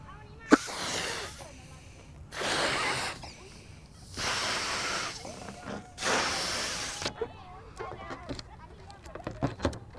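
Four long, forceful breaths of carbon dioxide are blown out one after another, each a broad breathy rush lasting about a second, in a demonstration comparing exhaled breath with helium gas, followed by scattered light clicks and rustles.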